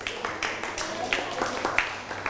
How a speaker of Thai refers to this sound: นั่งลงได้ปรบมือให้กับเพื่อน